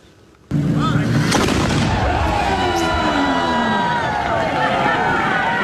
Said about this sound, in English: A cannon's kaboom, marking the patriotic moment that Huntington Beach kicks off its celebration of America's 250th anniversary.